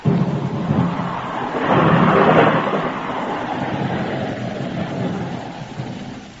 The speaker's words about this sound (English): Oh, dang this rain.